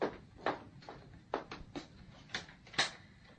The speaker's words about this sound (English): Someone at the door. Open it, then.